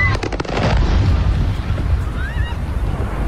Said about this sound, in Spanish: Es el sonido de los drones impactando contra un almacén de la empresa rusa de comercio electrónico Wildberries, lo que sería el Amazon ruso, y contra otras instalaciones de Moscú.